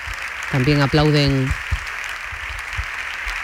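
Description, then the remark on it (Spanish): Steady applause from Partido Popular parliamentarians applauding an intervention during the government control session, a dense wash of clapping that carries on throughout, with a man's voice speaking briefly over it at the start. “También aplauden los parlamentarios populares la intervención.”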